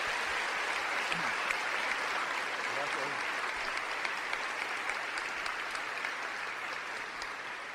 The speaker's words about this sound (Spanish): Le damos un fuerte aplauso a nuestro Señor Jesucristo.